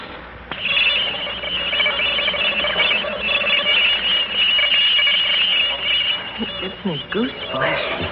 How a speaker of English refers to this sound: I'm about to play a tape recording for you of the noise pattern that came from outer space earlier this